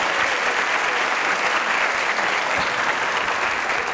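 An audience claps steadily and loudly, a dense, continuous wash of many hands for the full four seconds, with no voices standing out.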